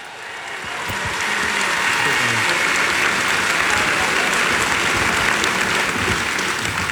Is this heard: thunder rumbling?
no